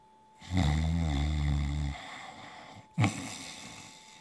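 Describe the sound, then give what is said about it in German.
A loud, drawn-out snore rumbles deeply for over a second, followed after a pause by a shorter snort-like breath; no talking. “Mit vollem Bauch legte er sich wieder ins Bett, schlief ein und fing an, laut zu schnarchen.”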